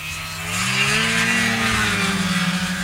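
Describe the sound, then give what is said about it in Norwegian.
A snowmobile engine drones steadily with a low, buzzing harmonic tone that shifts slightly in pitch as it revs, with no voices. “Bengt Rune Strifeldt fra FRP vet at denne lyden er musikk i ørene til velgerne hjemme i Finnmark. Mer enn hver femte norske snøskuter er registrert i det minst folkerike fylket, så her er det stemmer å hente.”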